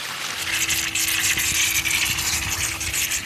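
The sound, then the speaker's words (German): A steady, loud rush of water blasting out under pressure from a fire hydrant opened at its middle outlet, a continuous hissing spray with a faint low hum beneath it, without speech. “In der Mitte auf, jetzt spritzt das Wasser raus hier.”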